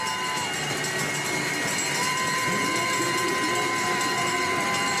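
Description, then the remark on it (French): The last-lap bell rings for runner Laura Stiger on and on with bright, sustained metallic tones over a steady roar of crowd noise and cheering at a race. “La cloche du dernier tour pour Laura Stiger qui vient de tourner en 11 minutes 44 sur cet avant-dernier tour.”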